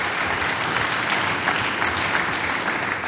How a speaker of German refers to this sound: Jetzt lacht er, komm Vierer, du kriegst einen Applaus.